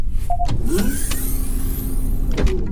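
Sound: shuttle door sliding open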